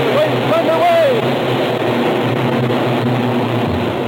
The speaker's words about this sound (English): The pace car passed the starting line at better than 90 miles an hour, pulled off to the left onto the pit apron, and stopped a few feet from the end of the narrow space of apron as the car's charged past.